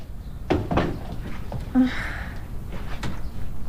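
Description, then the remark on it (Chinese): A door swings shut with a couple of muffled knocks and a short creak, followed by another soft thud a moment later. “哎，你还关门啊？”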